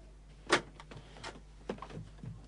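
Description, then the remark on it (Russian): A key rattles in a lock and a door opens, starting with a sharp metallic clack followed by several softer clicks and knocks spread over a couple of seconds. “Кто-то ключом открывает дверь.”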